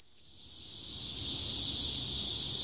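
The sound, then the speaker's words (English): A dense, high-pitched drone of cicadas in the midday heat in South Korea swells steadily louder over the first second or so, then holds at a loud, unbroken buzz with no voices. “A deafening crescendo of cicadas cuts through the midday heat.”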